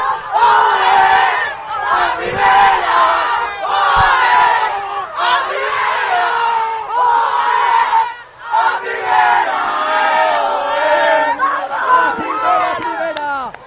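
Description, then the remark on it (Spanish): A team squad and coaching staff shout and cheer together in a loud, sustained celebratory roar after Valencia's women's football team wins promotion to Liga F, with high-pitched yells rising and falling in waves and one brief dip partway through. “Nuestras jugadoras, es el grito de una plantilla, de un cuerpo técnico que vuelva a la élite del fútbol femenino.”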